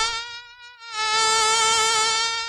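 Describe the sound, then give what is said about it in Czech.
A mosquito's high, thin whine drones steadily, dipping briefly as if it veers away, then returning louder for a sustained buzz. “Doufám, že to bylo na komára.”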